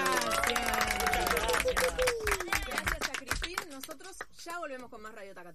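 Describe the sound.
An audience applauds steadily for several seconds, a dense patter of many hands clapping, with voices calling out over it before the clapping thins toward the end.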